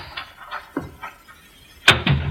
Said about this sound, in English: someone just come into the house. I heard the front door close.